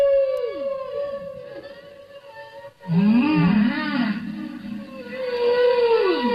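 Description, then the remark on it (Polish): Long, sweeping whale calls rise and fall in pitch, each tone trailing off in a lingering, unfiltered natural echo from the ocean, with layered moaning cries growing louder partway through and no voices present. “To nic nie jest tam filtrowane ani nic. To po prostu jest echo z oceanu.”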